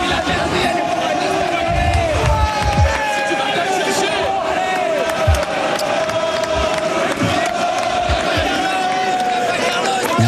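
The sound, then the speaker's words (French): A large tennis crowd at Roland Garros roars with sustained cheering, whistles and excited shouts, a dense, loud wall of voices that swells and surges throughout without pause. “Tiens, je vous propose d'écouter la ferveur, la chaleur et les cris de Roland Garros.”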